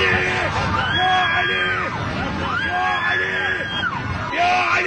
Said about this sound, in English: Right, the screaming helps.